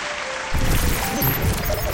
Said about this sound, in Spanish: Den un fuerte aplauso a ustedes que me están escuchando. Los mejores músicos están aquí en Medellín, Colombia. Y hay que dar un fuerte aplauso a eso.